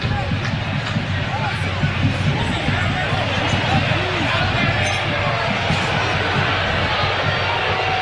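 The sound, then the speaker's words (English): A stadium crowd jeers at Prue after offside calls in a BC versus Edmonton game, in a loud, unbroken roar of massed voices, with scattered shouts rising out of the din and a steady hum underneath for the whole stretch. “And the crowd here giving it to Prue.”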